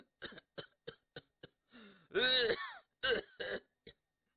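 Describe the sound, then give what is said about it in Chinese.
A rapid run of short, harsh coughs, broken by a strained, wheezing vocal groan before a few more coughs; fairly loud, performed by a voice imitating Luo Cheng's coughing fit inside a carriage. “这位就把身子直起来了，但车中罗成并未发话呀，而是一阵急促的咳嗽。”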